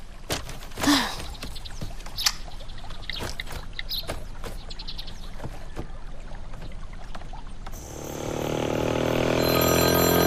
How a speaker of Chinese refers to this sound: 你手机响了。 没事，别管他。 还是停下接吧，一旦有啥要紧事儿呢？